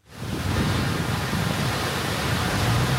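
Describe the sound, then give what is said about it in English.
A steady, loud roar of a fast-flowing river high in the Himalayas fades in quickly and holds without a break, dense, hissing and churning, with no voices, as a Chinese rescue team fights its way across. “High in the Himalayas, a Chinese team fights their way across a fast-flowing river, then up a steep mountainside.”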